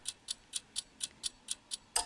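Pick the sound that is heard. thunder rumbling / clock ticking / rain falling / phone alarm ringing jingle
clock ticking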